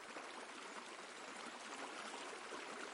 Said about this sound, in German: Das Wasser muss weg. Jetzt haben wir's gleich. Gleich sind wir durch. Achtung, Wasser kommt. Ja, super.